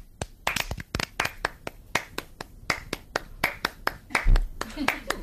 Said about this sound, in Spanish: O sea, ¿qué vamos a hacer? Un ritmo de palmas.